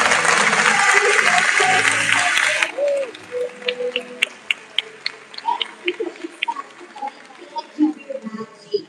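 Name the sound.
audience applause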